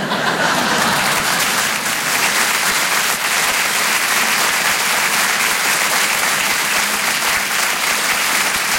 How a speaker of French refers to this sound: On peut l'applaudir encore une fois très fort. Elisabeth Buffet, mesdames, messieurs.